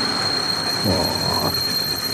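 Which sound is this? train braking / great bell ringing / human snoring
train braking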